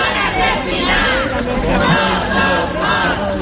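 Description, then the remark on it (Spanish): A large crowd of victims' relatives gathered at the doors of the Parliament shouts slogans together, chanting "no son muertos, son asesinados" as Carlos Mazón appears before the DANA inquiry commission; a steady roar of many voices rising and falling in chanted waves, loud and continuous throughout. “Al grito de no son more, son assassinats, no son muertos, son asesinados, familiares de las víctimas se han concentrado a las puertas del Parlamento justo cuando comparecía el expresidente, que ha guardado silencio sobre la gestión que hizo aquel día”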